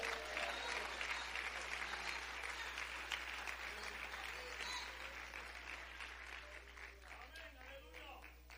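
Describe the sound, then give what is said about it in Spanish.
A church crowd breaks into sustained, dense applause to Christ, many hands clapping at once in a steady roar that holds for several seconds before slowly thinning, with faint voices mixed in. “¡Aplaude a Cristo!”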